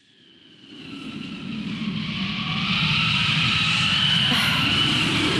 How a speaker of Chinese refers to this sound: 哎， 又刮大风了，这今天咋了？大风天气这么多。